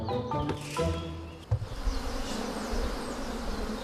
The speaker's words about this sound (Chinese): 蜜蜂喜阴凉，午时刺热的阳光照射丛林，这正是分蜂的好时机。蜂王先被吸引到蜂罩里，随后大量的蜜蜂也被吸引。